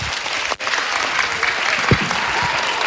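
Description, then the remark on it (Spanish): Dense, sustained applause from a crowd for the children, a steady wash of many hands clapping at once with a brief dip near the start, then continuing evenly without any speech over it. “Yo os doy un aplauso a vosotros y a disfrutar del curso y de los maestros, de todo.”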